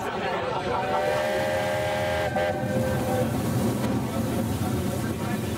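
A narrow-gauge steam train of the Brohltal Schmalspur Eisenbahn (Brohltal narrow-gauge railway) runs with a loud, steady, chugging rumble, while a sustained whistle-like tone rings over it for the first couple of seconds before fading out.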